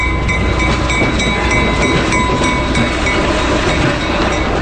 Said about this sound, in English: And I think the sounds are really what adds to it. It's like, especially like the clicky clock of the rails and the horn and the dinging of the bell is what really makes it kind of come alive.